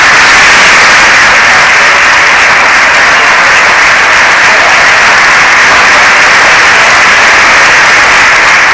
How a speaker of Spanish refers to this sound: toda la bancada del PSOE ovacionando al presidente del gobierno. Vamos a escuchar ese momento porque ha sido bastante interesante ver cómo la bancada del PSOE se levantaba para aplaudir a Pedro Sánchez.